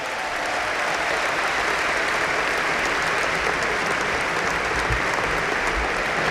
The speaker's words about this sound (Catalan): Fort aplaudiment per a Darius.